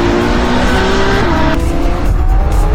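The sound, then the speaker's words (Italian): A loud, continuous Formula 1 race car engine roar with a high, whining pitch that shifts as it revs, sustained with no talking. “Cioè il rombo del motore della Formula 1 è molto particolare.”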